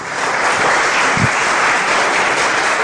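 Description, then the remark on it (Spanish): An audience bursts into sustained applause for Jesus, a loud, steady wash of many hands clapping together with no break for the whole stretch and no one speaking over it. “Dele un aplauso poderoso a Jesús.”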